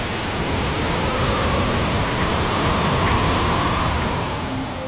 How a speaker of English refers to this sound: It's here. The howling wind. The driving rain. The storm surge along the coast.